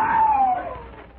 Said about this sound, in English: Every hour, the noise increased, but suddenly, from one of the rooms that opened off the balcony at the rear of the cafe, a man's scream rang out above the good-natured bedlam.